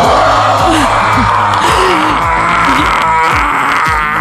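A loud, strained morning scream on waking to an alarm: one long, ragged vocal wail that wavers and dips in pitch for about four seconds, with gasping, moaning breaks and no clear words.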